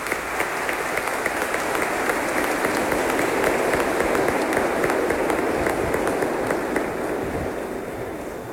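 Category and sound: crowd, warm round of applause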